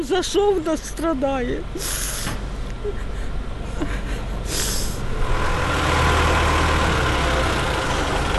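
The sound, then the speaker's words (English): A heavy fire truck engine rumbles as firemen winch a mangled car off a street in Kyiv, Ukraine, punctuated by two sharp hisses of released air, with brief voices at the start and a steady mechanical drone building toward the end. “And as firemen winched her mangled car off the street, dust and anxiety remained in the air.”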